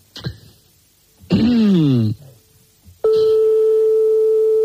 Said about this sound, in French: On compose un autre numéro de téléphone